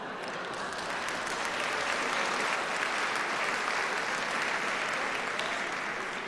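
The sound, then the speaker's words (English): A concert audience claps steadily for several seconds, a dense, even wash of many hands with no voices standing out and no break in the applause. “And I know in your programme it says that you mustn't clap or applaud between. Please ignore that completely.”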